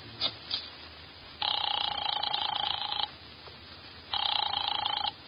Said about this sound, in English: I drove down to the document research laboratory on Vanderbilt and got such a shock that I grabbed the office phone and dialed Wolf at once.